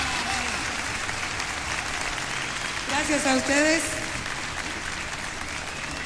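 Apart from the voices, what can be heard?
audience applause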